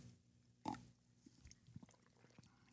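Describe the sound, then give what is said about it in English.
A single loud slurping sip of hot River Moon coffee, followed by a few faint, soft mouth clicks and small swallowing noises in otherwise quiet surroundings. “Sip a river moon.”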